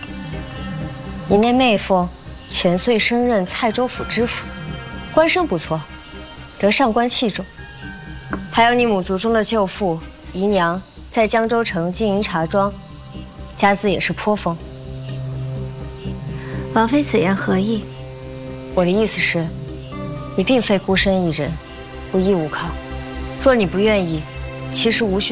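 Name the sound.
cicadas buzzing loudly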